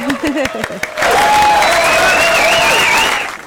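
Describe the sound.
On a radio show, a brief voice gives way to a burst of loud, dense applause from an audience for a listener from La Carlota, with some whistles and cheers riding over the steady clapping for a few seconds before it tapers off.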